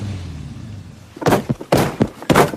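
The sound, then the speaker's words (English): After a second of low rumbling quiet, a flurry of four or five hard, muffled thumps lands as a man sitting in his car pounds the passenger seat with his fist in quick, uneven succession. “He hits the passenger seat with his fist.”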